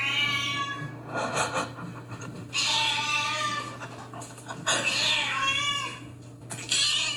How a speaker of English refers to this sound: But over the weekend, I have been looking after the neighbour's cat. And this is her cat when it wants fed.